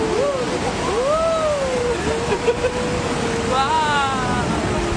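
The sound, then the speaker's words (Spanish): River water at Krumlov rushes steadily over small rapids, a constant hiss, while people boating on the river call out and exclaim in drawn-out, rising tones over the churning flow. “Es un río muy tranquilo, salvo como escucháis ahí en ese momento del audio, que hay algún pequeño rápido.”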